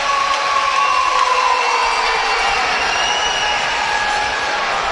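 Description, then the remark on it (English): A large crowd at the Sudbury Arena applauds steadily during a hockey game, for player Henderson getting back up on his skates after a hit, a dense, loud wash of clapping and crowd noise that holds for about five seconds without easing. “As the round of applause is for Henderson, who's back up on his skates.”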